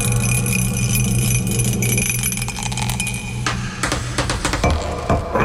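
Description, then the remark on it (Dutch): A single die rattles and clatters in a burst of quick, sharp clicks and taps over a steady low hum as it is rolled for a dice game, settling after a few seconds. No one speaks. “Goed, wij gaan dobbelen.”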